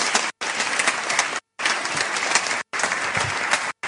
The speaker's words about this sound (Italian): accogliamola con un grande applauso.